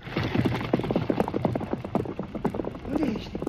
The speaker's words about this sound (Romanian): Ai dreptate, pe cai, gata, galop!